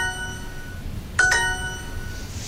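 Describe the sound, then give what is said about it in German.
The Duolingo language-learning app's daily practice reminder chime, linked to its green bird mascot: a soft electronic tone, then two quick, bright notes in succession, clear and moderately loud, with no talking. “Der Vogel, der ihm auf der Sprachlern-App Duolingo jeden Tag penetrant daran erinnert, dass man auch jetzt üben sollte.”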